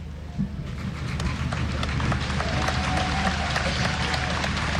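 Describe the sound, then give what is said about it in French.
A large crowd applauds Pope Leo during his visit, before he has spoken a word, a dense wash of clapping that stays loud and even throughout, with a faint sustained tone and some voices mixed into the background. “Il n'a pas encore prononcé un mot, notre cher pape Léon, que déjà il est applaudi.”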